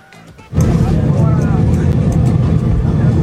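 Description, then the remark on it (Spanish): Passengers on an airplane applaud and cheer for Gil Mora as he walks down the aisle, bursting in after a brief moment and continuing steadily, layered over a constant low engine rumble of the aircraft cabin in flight. “Escuche usted cómo le aplaudieron a Morita en el avión.”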